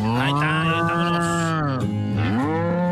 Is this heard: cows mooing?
yes